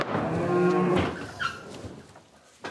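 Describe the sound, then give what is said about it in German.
A 700-kilogram mother cow being led into a livestock trailer to go to pasture gives a long, low, loud moo lasting about a second, with a rich harmonic drone, followed by quieter shuffling and a brief high squeak. “Die Mutterkühe sind den Gang in den Viehwagen gewohnt.”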